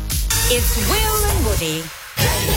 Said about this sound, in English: First, you tell the kids to be quiet in the car. Then we crack a can open. And then you guess beer or soft drink.